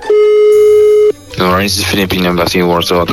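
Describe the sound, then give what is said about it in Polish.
A telephone ringing tone, on a call from Radio Z to the Embassy of the Philippines in Poland, sounds once as a steady, mid-pitched beep lasting about a second. It cuts off, and people immediately start talking. “No i dzwonimy do ambasady Filipin w Polsce, żeby przeprosić za to, że pan prezydent zachował się, jak się zachował.”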